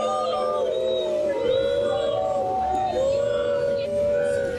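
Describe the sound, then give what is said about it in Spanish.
A large stadium crowd of fans shouts, jeers and whistles nonstop against Jorge Jesus and Pedro Proença, many voices overlapping in long rising and falling wails that merge into a loud, steady roar. “ouvem-se bastantes gritos contra JJ e também a Pedro Proença.”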